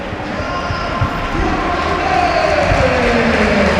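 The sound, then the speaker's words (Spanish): A loud stadium crowd at a football match chants in unison at the referee, shouting "árbitro a la nevera", a dense roar of many voices with a sustained, rising sung line swelling in the second half and continuing without pause. “Estoy dejando el ambiente para ver si escuchamos lo que gritan.”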